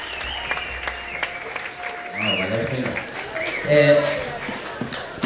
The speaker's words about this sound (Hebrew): לפי מחיאות הכפיים אתם שומעים שהחברים כבר עלו חזרה לבמה.